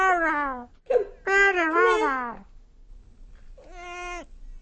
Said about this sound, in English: And now he won't talk. No, he won't. It's, a cat.